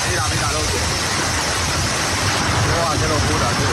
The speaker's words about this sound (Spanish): Por ejemplo, el sonido ayer en Tarragona, donde cayó pedrisco de hasta 5 centímetros.